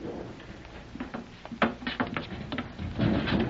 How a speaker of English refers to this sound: This door you must pull toward yourself. The small opening near the bottom will suffice. Use the toe of your shoe.